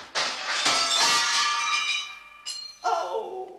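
A loud crash of window glass shattering as Prince Jeroným goes through a window instead of the door, with several sharp impacts and high ringing tinkles, followed by a few more clattering bursts as pieces fall.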